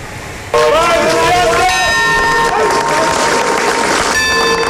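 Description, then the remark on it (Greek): Warm, prolonged applause at the funeral of former Greek minister Giorgos Souflias, breaking out after a brief quiet moment and continuing steadily and loudly, a dense clatter of many hands with scattered voices from the crowd of family, relatives and friends mixed in. “Σε κλίμα συγκίνησης και με ένα θερμό παρατεταμένο χειροκρότημα, είπαν το τελευταίο αντίο στο Γιώργο Σουφλιά οι δικοί του άνθρωποι.”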